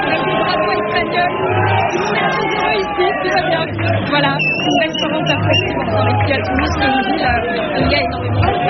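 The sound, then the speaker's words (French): A packed Franco-Spanish bar, Le Boca in Toulouse, full of people shouting and singing together over Spain's victory, a dense, continuous roar of voices with cheers rising above the babble throughout. “Voilà, vous l'entendez, ça crie, ça chante, au fait d'être sur la victoire de l'Espagne.”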